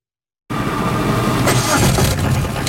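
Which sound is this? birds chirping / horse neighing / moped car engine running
moped car engine running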